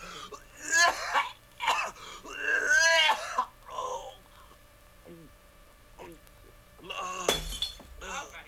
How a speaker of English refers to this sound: He knocked over the pitcher.